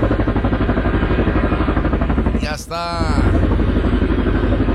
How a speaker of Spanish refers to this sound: el que ya se viene acercando es ni más ni menos que el helicóptero, ya viene por ahí cerquitas. Ahí viene el Mosco, ahí viene el Mosco.